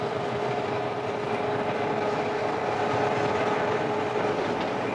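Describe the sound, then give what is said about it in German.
A train rumbles steadily along the rails as two electric railcars with 2000 horsepower pull it uphill, already 100 metres up; a dense continuous roar with a faint steady whine above it, loud throughout with no voices. “Die zwei Triebwagen mit ihren 2000 PS haben den Zug jetzt schon 100 Meter hochgezogen.”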